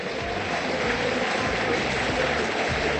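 A stadium crowd of Boca Juniors fans at La Bombonera applauds the Boca team on a cool night after a match against Central Córdoba, in a dense, steady roar of clapping and cheering that holds at an even, loud level throughout, with a low rumble running underneath and no clear voices standing out.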